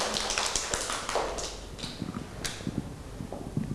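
A group of children claps hands in an uneven, scattered patter of sharp overlapping smacks, moderately loud and lasting a few seconds with no one speaking.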